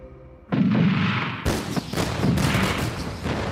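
Loud cannon fire from a gunboat: a heavy boom, then a second sharp blast a second later, followed by rolling, crackling rumble and scattered reports. No one speaks.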